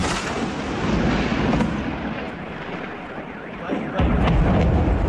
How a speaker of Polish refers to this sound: To rafineria w Kapotnie. Mieszkam około 13 km od rafinerii. Pierwszy raz słyszałem tak głośne huki wybuchów. I trwało to prawie półtorej godziny.